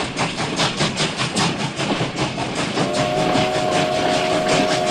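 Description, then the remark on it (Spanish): A steam train on the railway carrying coffee to Puerto Limón, Costa Rica, rumbles along the rails with steady, rhythmic chuffing and clatter, fairly loud, while a sustained whistle-like tone rises over it partway through. “a partir de 1891 el café pudo llevarse desde Alajuela y Heredia y desde los cafetales de Turrialba y Cartago hasta Puerto Limón a través del ferrocarril.”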